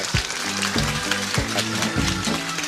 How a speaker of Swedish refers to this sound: Och en applåd för Pierre Isaksson, likaså.